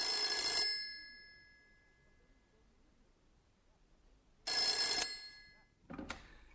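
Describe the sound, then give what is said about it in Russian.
A telephone rings with an incoming call from Petya, in loud bursts of a bright, trilling bell, then falls silent, rings again, and gives a short final jangle as if cut off mid-ring. “Это наш Петя звонит.”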